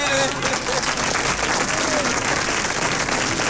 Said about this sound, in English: So, hear that clapping? There's no me talking. There's nothing else. Clapping. There was dead silence from over there.